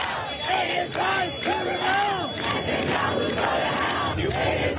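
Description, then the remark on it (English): A large protest crowd near the UN headquarters in New York, voicing outrage at Benjamin Netanyahu, shouts and yells continuously, many overlapping voices rising and falling in loud, rough chants with no clear words picked out. “Not far from the UN headquarters, crowds voiced their outrage at Benjamin Netanyahu, leading to around 100 arrests.”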